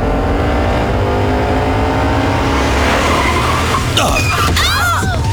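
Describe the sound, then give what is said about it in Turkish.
A car engine drones steadily, then tires screech sharply in a loud, high-pitched skid as the driver brakes hard when another driver suddenly cuts in front. The squeal rises and falls over the last second. “Baba, o nasıl fren öyle?”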